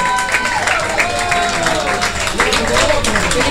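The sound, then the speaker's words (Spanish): A crowd applauds a woman being honoured at a night show, steadily and loudly for several seconds, a dense wash of clapping with a few raised voices or cheers rising over it. “Aplauso para ella, venga mi amor.”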